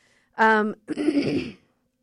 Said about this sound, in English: the place where you hear me cough a lot, because I have never been able to kick this cough ever since I got sick back in January, so that's fun.